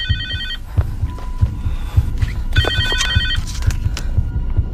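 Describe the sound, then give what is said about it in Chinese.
A mobile phone rings with a warbling electronic tone in two short bursts, over a steady low rhythmic thumping in the background, beside a car stopped on a narrow mountain road. “啊，是我的手机。”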